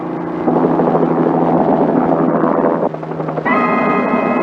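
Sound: police helicopter flying overhead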